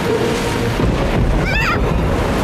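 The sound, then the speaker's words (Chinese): A stormy sea roars without pause in the animated series Octonauts, with loud wind and churning waves filling the whole stretch at a steady, heavy level. A brief high warbling squeal cuts through midway. “没事的，皮特，这种小暴风雨吓不到我咔嚓船长的。也许这小暴风雨一点也不小，我们找个地方躲一躲。”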